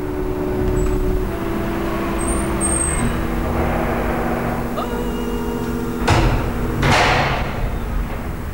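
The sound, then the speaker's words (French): Short electronic beeps of an entry code sound, then the heavy entrance door of a medical practice building in the 14th arrondissement of Paris is pushed open, with a couple of sharp clunks from the latch and hinges over a steady low street hum. “Code d'entrée. Voilà. Et nous poussons la porte.”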